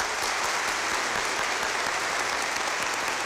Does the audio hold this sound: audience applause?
yes